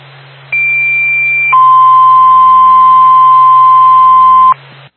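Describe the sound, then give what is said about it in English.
A two-tone dispatch alert from Twin State dispatch: a high steady tone for about a second, then a lower sustained tone for roughly three seconds, loud and clean over a faint radio hiss and hum. It alerts the Littleton Fire Department to a commercial fire alarm at the Applebee's Bar and Grill, 582 Meadow Street. “Time of your tone, 2055.”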